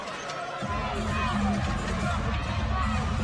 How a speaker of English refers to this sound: 1-point ball game. This crowd is energetic. This crowd is loud. It is a grand final. You would expect nothing less.